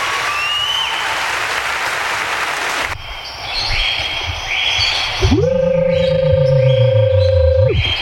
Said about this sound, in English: applause for that.